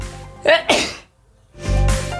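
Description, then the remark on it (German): A loud sneeze caused by pollen: a quick gasping intake snaps into a sharp explosive burst, followed after a brief pause by another breathy, noisy blast. “Die Pollen. Gesundheit.”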